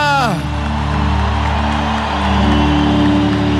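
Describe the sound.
A large Canção Nova audience shouts a loud, sustained victory cry, a dense roar of many voices filling the space over steady held musical tones, continuous for several seconds.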